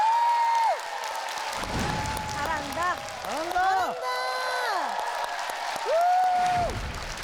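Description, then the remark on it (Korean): An audience claps steadily for several seconds, a dense wash of applause mixed with high cheers, whoops and sliding whistle-like shouts rising and falling over the noise. “여러분 다시 한번 커다란 박수 부탁드립니다.”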